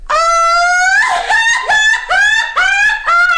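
A loud, high-pitched traditional Mexican grito shout from one voice: a long rising yell followed by a string of warbling, yipping bursts, with no one talking over it.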